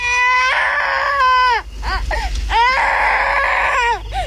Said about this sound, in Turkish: Duydun mu? Bir çocuk ağlıyor. Evet, oradan geliyor.